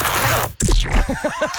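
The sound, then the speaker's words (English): A zipper on clothing rasps open, a steady gritty pull lasting about half a second, followed after a short pause by a run of squeaky, rhythmic chirping noises. “Wait, actually, I've got to undo my zipper.”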